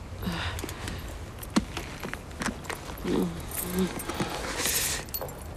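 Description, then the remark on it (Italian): Car keys jangle and clink in a series of sharp metallic rattles as they are handed over, with faint shuffling footsteps and a few soft murmurs in the background. “Signora, è la cosa migliore, mi dia le chiavi.”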